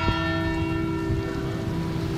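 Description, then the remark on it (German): Church bells of the Pauluskirche in Hamm ring out in a dense, sustained wash of overlapping tones, loud and resonant with a steady low hum beneath, heard without any talking. “Genau, die Glocken der Pauluskirche.”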